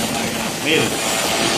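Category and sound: vehicle, motorcycle engine running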